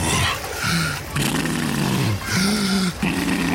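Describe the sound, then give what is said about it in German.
Loud, walrus-like heavy breathing of breaststroke-swimming seniors in a pool: three or four rasping, low-pitched grunts and snorts in a steady rhythm with a growling, roaring quality, likely a voice imitating the sound. “Die brustschwimmenden Senioren mit Walrossatmung.”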